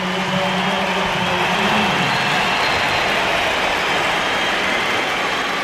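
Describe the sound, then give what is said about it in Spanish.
A stadium crowd gives a sustained ovation for footballer Aitana Bonmatí, back after six months out with a fibula fracture. It is a dense, steady roar of cheering and applause that stays loud for the whole stretch, with a faint low hum of voices early on. “Esta es la ovación para...”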